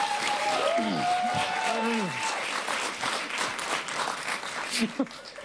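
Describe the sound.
Steady audience applause fills the whole stretch, a dense patter of many hands clapping, while voices shout and call out over it early on before the clapping tapers slightly.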